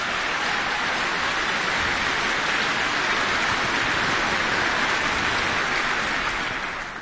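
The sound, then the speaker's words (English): A large audience in New Zealand applauds the NCDSO orchestra, many hands clapping in a dense, steady roar that holds evenly for several seconds before easing slightly at the end, with no voices. “So a big applause to this wonderful orchestra.”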